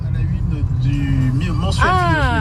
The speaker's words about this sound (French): Salut Ali Rébéi, on t'écoute en voiture sur la route entre Beaufort et le lac de Roseland